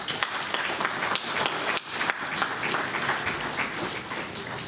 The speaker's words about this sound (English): They're constantly putting their lives on the line for us. So I'd like to thank them all personally and give them a round of applause.